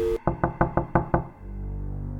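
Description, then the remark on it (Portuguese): Six firm, evenly spaced knocks by a hotel employee on a hotel room door, fairly loud, followed by a low steady hum with no voices. “A funcionária bate várias vezes.”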